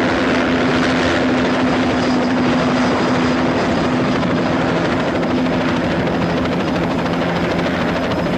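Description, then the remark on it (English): A helicopter roars steadily and loudly overhead as it flies past a window, its dense rotor and engine noise filling the whole stretch with a constant low hum and no voices. “At the window, he hits a button to open the shades where the chopper flies past.”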